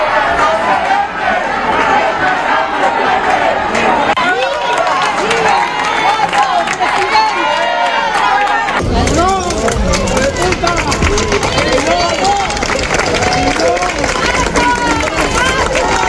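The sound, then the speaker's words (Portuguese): A large crowd at the seafood festival in O Grove, Galicia, greets Spanish Prime Minister Pedro Sánchez, clamoring continuously with overlapping shouts, cheers, insults and scattered clapping, swelling into a fuller, louder roar about halfway through. “Na acollida a Pedro Sánchez, unha de cal e outra de area, tanto aplausos e aclamacións como a insultos ou berros, lembrándolle a situación que se está a vivir en Ceuta.”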